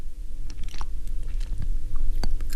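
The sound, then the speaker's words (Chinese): Wet, crisp bites and steady chewing of fruit, with several sharp crunchy snaps over a low continuous hum, no talking. “他一边心不在焉地听，一边吃水果。”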